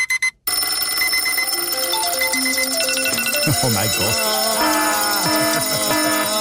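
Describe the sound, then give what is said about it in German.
Many alarm clocks ring one after another, their electronic beeps and melodies stacking into a loud, dense clamor; a voice briefly exclaims over them. “Und wenn man sich jetzt aber überlegt, dass jeder vom Wecker geweckt wird, oder dann gibt es eigentlich jeden Morgen so eine Art Weckerwelle durch die Schweiz. Zuerst nur wenig und irgendwann alle aufs Mal.”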